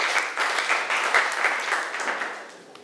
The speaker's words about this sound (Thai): นักเรียนถือว่าเก่งมากเลยค่ะนักเรียนปรบมือให้กลุ่มที่สองหน่อย